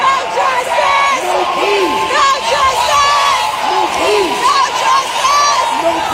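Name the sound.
protesters shouting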